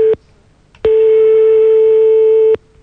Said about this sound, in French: On est en train de composer le numéro de téléphone.